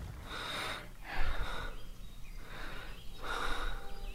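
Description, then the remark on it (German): Heavy, open-mouthed breathing from two exhausted children who have dropped to the ground, with about four deep, ragged breaths drawn in and pushed out in a steady rhythm, like catching their breath after exertion. No talking. “Sie atmen schwer mit geöffnetem Mund.”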